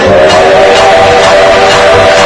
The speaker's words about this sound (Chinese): 接下来出场的就是一台非常专业的火车头。